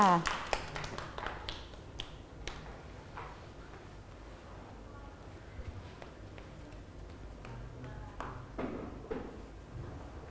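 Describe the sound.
Children clap their hands in an uneven, scattered burst, quickest in the first few seconds and then thinning to occasional sharp claps, with voices murmuring underneath.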